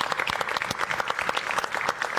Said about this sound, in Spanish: y Dios bendiga esos 7 años de Balonazos Nice, y Dios bendiga a esta peña, Dios bendiga a todos los que están aquí, y un aplauso para todos los que están aquí.